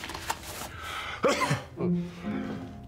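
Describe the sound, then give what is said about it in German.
A single sharp sneeze bursts out, followed by a few short breathy vocal sounds and sniffing as it trails off, with no talking. “Gesundheit.”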